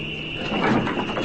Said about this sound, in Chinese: 好像有人来，我去开门。